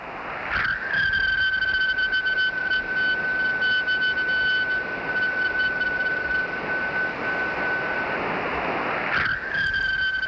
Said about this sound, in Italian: Sembra la sigla delle oche. Avete mai ascoltato una meteora? Per la precisione, questa è la voce di una Perseide.